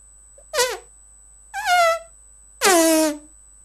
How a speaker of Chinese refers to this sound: 什么声音这么响？人们吓坏了，以为是炸弹爆炸了。啊，原来是宝贝猪在放屁呢。